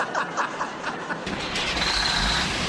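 A truck rolls along the road in the early hours, its engine a steady rushing drone that deepens into a heavier low rumble partway through, continuous, with no voices.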